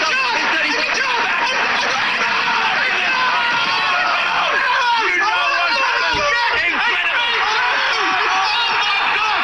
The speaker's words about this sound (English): Yeah, so that's, as you can tell, a little football match going on there. Lots of shouting in that bit, so I've turned that off now.